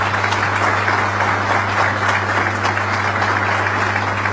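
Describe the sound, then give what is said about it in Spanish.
An audience at a meeting with mayors applauds steadily for the absent host, a dense wash of many hands clapping at once with no pauses, holding at an even, fairly loud level throughout. “Y un aplausito para el dueño de casa, que no está, pero está.”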